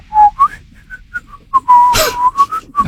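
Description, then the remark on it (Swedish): Someone whistles a light, meandering tune, a string of short pitched notes with brief pauses, one quick breathy gust midway and no talking. “Visslar. Ja, de gick och småvisslade lite grann.”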